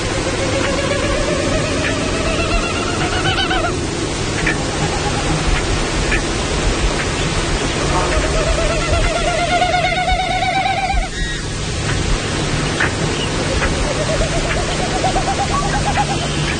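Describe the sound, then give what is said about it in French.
Repeated hollow, pulsing winnowing passes made by air moving over a Wilson's snipe's tail feathers as the bird flies, each rising then fading over a few seconds, heard over a steady background hiss with no talking. “Donc, on peut jouer le son de la bécassine de Wilson.”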